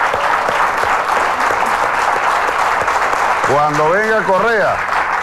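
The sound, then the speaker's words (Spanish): Steady, dense applause for President Correa after he sang on a television program, loud and unbroken, with a voice calling out over the clapping toward the end. “Un aplauso al presidente Correa.”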